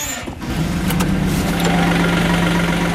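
A small farm loader's diesel engine cranks and catches, then settles into a steady, loud idle with a low rumbling drone; no one speaks. The loader is used on a farm to push up and add feed for cattle and young bulls.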